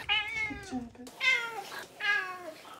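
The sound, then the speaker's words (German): A cat meows three times in a row, each call a drawn-out, rising-then-falling wail with short pauses between, fairly loud with no one talking. “Das Einzige, was ein bisschen schwierig ist, ist halt dadurch, dass sie daran gewöhnt ist, zum Miauen und Futter zu bekommen, miaut sie halt wirklich sehr viel.”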